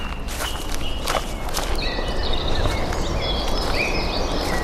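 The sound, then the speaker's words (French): Outdoor woodland ambience in the Jorat woods above Lausanne, Switzerland, with steady rustling and crunching underfoot as a group of six people walks through leaves in silence, while several thin bird chirps and whistles ring out above it. No one speaks. “Des bruissements de feuilles, il y a quelques chants d'oiseaux.”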